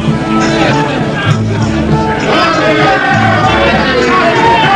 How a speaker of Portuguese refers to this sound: Na varanda ajardinada, as horas passam devagar, ao contrário da multidão lá fora, que corre aos gritos, manifestando suas crenças, sua alegria e até mesmo suas desesperanças.